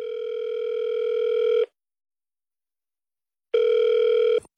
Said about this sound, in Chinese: 来给我们王总再打个电话